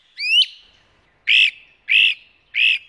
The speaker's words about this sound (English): It began on the 1st with a great-crested flycatcher. I typically get my first anywhere between April 24th and May 3rd. Announcing itself with characteristically insistent calls.